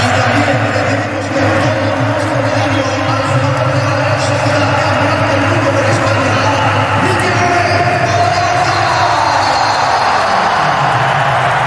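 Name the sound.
stadium crowd applauding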